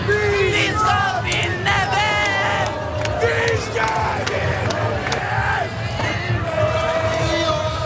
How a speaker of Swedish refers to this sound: Och om inte vore värre så vann ju också Norge mot Brasilien under gårdagen. En otrolig match, och vi kan lyssna lite på hur det lät när tusentals, närmare hundratusentals människor samlades på Norges gator.